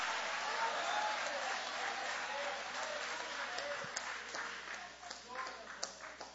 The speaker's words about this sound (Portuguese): Levanta a mão aplaudindo.